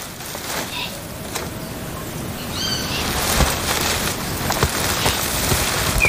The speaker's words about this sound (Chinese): 天还未亮，鸟儿们就开始鸣叫，顺序几乎是固定的。序曲通常由欧乌冬负责。